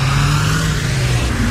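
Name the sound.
car driving by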